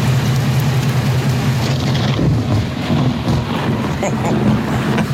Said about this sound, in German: Rund um Erfurt, da hagelt es ordentlich. Ich hoffe, dass da keine Dellen ins Auto irgendwie reinkommen.